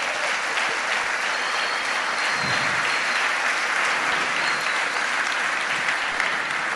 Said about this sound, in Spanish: Quiere decir entonces, bueno, dar un fuerte aplauso al Señor Jesucristo.